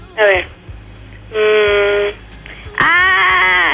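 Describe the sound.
Three loud, high-pitched excited screams from a single voice, each a sustained shrill shriek; the first is short, the next two longer, separated by brief pauses with faint background noise.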